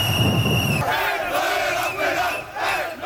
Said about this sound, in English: And finally, Moroccan soccer fans are cheering.